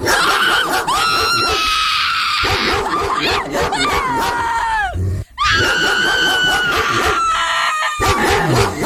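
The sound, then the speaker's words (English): A pit bull barks loud in drawn-out, high-pitched screeching yowls, nearly continuous, with one brief pause midway before the noisy cries start up again. “I'm going pit bull on that one. You are correct, Woody.”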